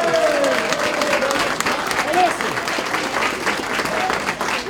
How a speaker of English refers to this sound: I'm so damn proud of you. Give yourself a round of applause.